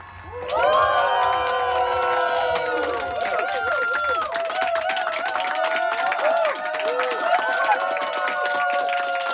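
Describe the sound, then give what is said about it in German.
A live audience at the FM4 stand-up comedy stage erupts into loud, sustained cheering and whooping, with high shouts rising and falling over a dense bed of applause that continues steadily throughout. “Ja, okay, ich motiviere zwar ein bisschen, aber den Rest macht das Live-Publikum.”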